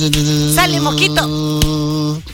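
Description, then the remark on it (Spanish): A steady, nasal buzzing drone, most likely a voice imitating a mosquito, holds fairly loud for about two seconds with slight wavering before stopping abruptly. “¡Sale mosquito! ¡Ay! Mira el mosquito andando.”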